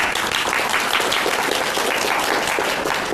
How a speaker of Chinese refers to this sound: 大家鼓掌欢迎。